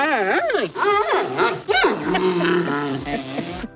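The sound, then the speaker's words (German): A person imitates a cheering panda bear with a loud series of squealing, yelping cries that swoop up and down in pitch, several quick bursts running together over a few seconds. “Der Panda-Bär wird mit Ihnen jubeln.”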